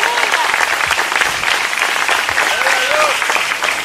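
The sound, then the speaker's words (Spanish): A church audience breaks into sustained applause to the Lord during a sermon, a dense steady wash of clapping filling the whole clip, with a few voices calling out over it. “Levanten ese aplauso al Señor en esta hora.”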